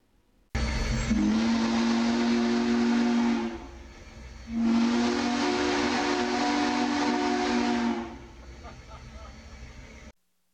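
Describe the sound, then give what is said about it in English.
The historic Big Boy steam locomotive at the Walnut Street crossing in Grand Island sounds two long, loud whistle blasts, each a deep, steady chord. Heavy breathy steam hiss runs underneath, fading as the second blast ends. “Hundreds of residents coming to the Walnut Street crossing in Grand Island to see the historic train in action.”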